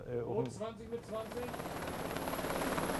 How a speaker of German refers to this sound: FDL an alle Stationen, Hubschrauber im Anflug. Das Manöver steuern die Beamten von der Brücke aus.